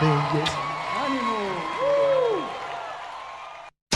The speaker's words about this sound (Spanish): aplauso, muchas gracias. Gracias, gracias Cristo.